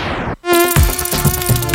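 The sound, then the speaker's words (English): A loud mosquito buzz drones steadily without a break, following a short burst of noise and a brief moment of silence. No one speaks. “Get rid of mosquitoes, roaches, and other household pests with Bop”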